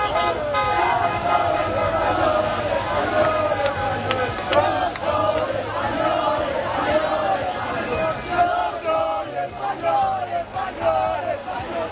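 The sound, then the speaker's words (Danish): A large crowd in the streets of Madrid shouts and chants continuously, celebrating a Spanish victory, voices overlapping in a loud, rowdy celebratory roar with occasional horn toots and sharp whistles cutting through. “Nej, lad os da komme en tur til Madrids gader.”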